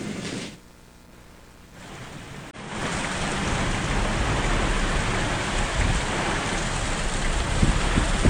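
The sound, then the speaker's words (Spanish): Heavy rain and gusting wind from a passing cyclone in Uruguay roar in a dense, steady wash of noise, quieter at first, then surging louder after a brief break and staying intense with no voices. “Continúan también los fuertes vientos y hasta la caída de granizo.”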